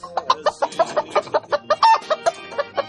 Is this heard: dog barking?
no